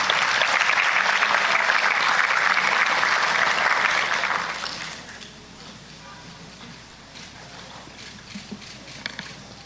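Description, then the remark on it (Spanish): A crowd claps loudly and steadily for about four seconds as a farewell applause thanking the volunteers of a citizen volunteer program, then the applause quickly dies away, leaving faint scattered sounds. “Quiero agradecer muchísimo todo lo que han hecho por nosotros y también por haber participado con nosotros, y despedirlos con un fuerte aplauso y agradecerles también su presencia el día de hoy.”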